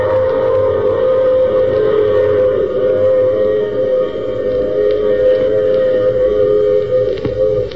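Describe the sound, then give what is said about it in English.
A train whistle blows in a long, steady, loud tone over the rumbling clatter of a moving train, sustained throughout with no voices. “Oh, you'll have to get off here, I'm sorry. But I'm sure we'll meet again. I take this same train every week at the same time.”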